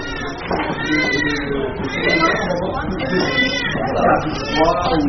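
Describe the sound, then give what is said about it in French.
Several newborn babies wail at once, their overlapping high, quavering cries continuous and fairly loud, in a busy hospital maternity nursery during morning care time. “Là, on entend déjà crier. On va passer devant la nursery.”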